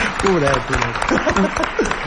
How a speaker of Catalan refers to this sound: John Wilson, que ja el tenim aquí, sisplau. Un aplaudiment per John Wilson.